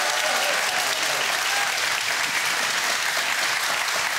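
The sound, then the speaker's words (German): A studio audience applauds steadily to welcome two studio contestants on a show, a dense wash of many hands clapping at an even, loud level for several seconds with no voices standing out. “So, und das Studiopublikum hat vorher geübt und die sind jetzt wahnsinnig begeistert dabei. Mit einem Applaus für unsere beiden Studiokandidaten.”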